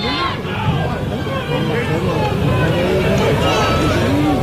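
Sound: football fans chanting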